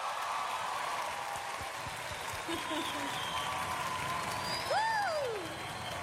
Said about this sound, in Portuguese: Eu gostaria de receber com muito carinho, com aplausos de todos vocês